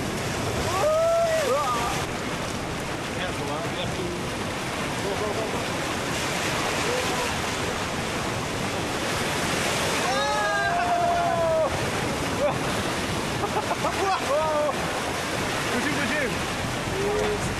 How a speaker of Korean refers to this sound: 파도가 쳐.